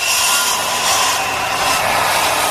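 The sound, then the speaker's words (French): A hand saw cuts steadily through a ready-made wooden plank, recutting it to the right size, its bright, rasping strokes running together in a continuous, loud scratching with a faint back-and-forth pulse and no voices. “En effet, pour le bois, nous avons acheté des planches déjà prêtes, même s'il a fallu les recouper pour les mettre à la bonne dimension et les assembler.”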